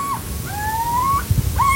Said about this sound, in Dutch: Het is het kort alarmroepje wat je nu hoort.